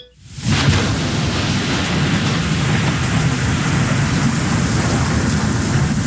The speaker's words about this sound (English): Wow, it's really coming down out there, man. It's raining cats and dogs.